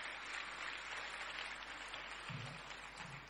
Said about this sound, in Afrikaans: Dassie voorskoolse sentrum gaan vir ons so 'n bietjie seën met hulle item. Geef hulle lekker applous as die manne kom. Ha, kom die manne, kom die manne. Ons dassies.